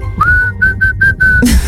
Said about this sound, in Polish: najbardziej muzykalne gwizdki dzisiaj na Messengerze RMF Max z głosówkami